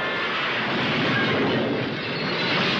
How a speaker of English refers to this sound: Windows shatter in a storm.